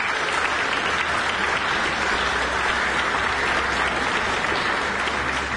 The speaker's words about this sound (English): Always good to hear applause for a New Zealand pianist, Stephen DePletch, and the piece Dreaming by Amy Beach.